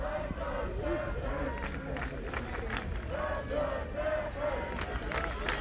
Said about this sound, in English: Crowd trying to energize this Stanford team.